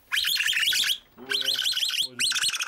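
Young capybaras squeal during a vet examination, in three loud, shrill bursts of rapid, wavering high-pitched chirps, with brief pauses between, sounding almost like an alarm.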